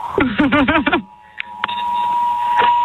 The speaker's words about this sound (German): Ganz Gründau weiß jetzt, es ist Probealarm, dank euch im Mediamarkt. Die Kollegen rennen auch schon und schalten alles ab. Wie viele Handys ungefähr klingeln jetzt bei euch im Mediamarkt? 150.